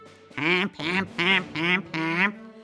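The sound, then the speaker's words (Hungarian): Five loud, nasal honking and quacking calls from a goose and a duck, evenly spaced in a steady rhythm, with no talking. “Úgy gondolták, ha ketten énekelnek egyszerre, akkor ez a furcsaság majd mosolyt fakaszt a királylány mosolytalan arcára.”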